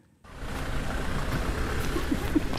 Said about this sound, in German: Mit dem Auto geht es an den Stadtrand von Sloviansk.